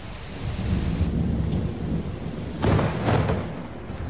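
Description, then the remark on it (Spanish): Heavy rain pours down steadily during a night storm in the Valencia region, while low thunder rumbles underneath, with a louder crackling burst of storm noise swelling briefly near the end. No one speaks. “Son los sonidos que nos deja una noche, la pasada, en el día de hoy, con consecuencias.”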